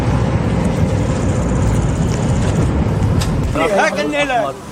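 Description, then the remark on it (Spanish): Busy street din with a steady rumble of traffic and engines, overlapping voices shouting and calling out, rising into an excited burst of voices near the end. “Algarabía en la calle.”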